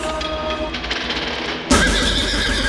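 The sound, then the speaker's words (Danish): A horse whinnies loudly, its harmonic cry abruptly giving way to a burst of broad, bright noise like rushing hooves or crowd roar, as horses race off at Skive Trav harness (trotting) racing. No one speaks. “Kom og mærk suset, når hestene flyver afsted.”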